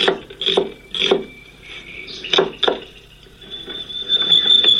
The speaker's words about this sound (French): Alors maintenant, elle coupe les oignons.